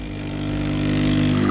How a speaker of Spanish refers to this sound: Esto de que invitarme a un café sea poner un ruido de una cafetera... Cutre.